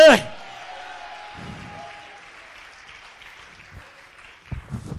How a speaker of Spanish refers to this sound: ¿Cuántos alaban la gloria de Dios? Dele ofrenda de palmas al que vive y a su nombre.